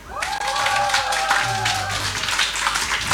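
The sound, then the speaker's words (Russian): A crowd breaks into dense, steady applause for a person's singing. It starts abruptly and holds at an even level for about three seconds, with a few sustained vocal cheers riding over the clapping early on. “Послушайте, люди добрые, если вы считаете, что у человека с вокалом все в порядке, давайте изобразим аплодисменты.”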